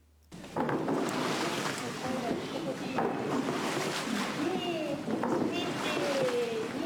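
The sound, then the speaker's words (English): Hot spring water of around 50 degrees Celsius at Kusatsu churned steadily by locals with wooden paddles (yumomi) to cool it: a continuous sloshing and splashing that starts abruptly and stays loud, with voices faintly audible underneath. “One way to do this is yumomi, stirring the water using wooden paddles.”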